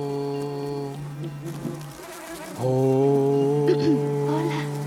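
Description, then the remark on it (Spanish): Flies buzz steadily, flitting around long hair adorned with flowers, a droning hum with stacked harmonics that dips briefly, then swells louder and continues without pause. “Unas moscas revolotean alrededor de su largo cabello adornado con flores.”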